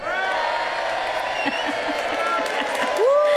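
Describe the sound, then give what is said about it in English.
A group of friends cheers and applauds loudly and steadily, with rising whoops and scattered shouts over a dense wash of clapping throughout. “That's me and my friends cheering.”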